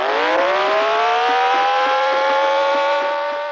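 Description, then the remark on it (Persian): A loud car engine revs and races, its rising harmonic whine held steady for a few seconds with no talking, in a film's closing police chase as police pursue a car. “پلیس ها ماشین علی رو تعقیب میکنن،”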